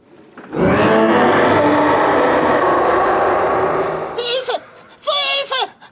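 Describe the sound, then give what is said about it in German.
In a roaring contest, a voice lets out a loud, drawn-out monster roar lasting several seconds, rough and growling, followed by a couple of short vocal outbursts. “Nicht schlecht, aber ich kann viel lauter brüllen.”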